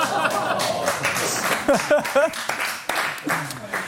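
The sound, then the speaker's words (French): Audience applause fills the space, a dense wash of many hands clapping at once, with cheering and excited voices mixed in and rising briefly over the noise. “C'est putain, le premier applaudissement de notre histoire ici.”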